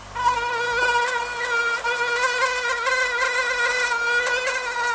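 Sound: mosquito buzzing in flight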